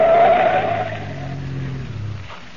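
Tires squeal sharply as a car skids off to the side of the road at a turn, the screech fading after a moment while the engine keeps rumbling low. No voices.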